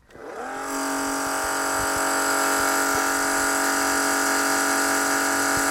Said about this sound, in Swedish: Det gör att vattnet börjar forsa? Ja. Mycket bra.